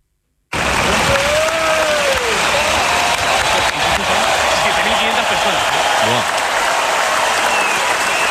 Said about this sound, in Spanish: Escuchamos la ovación.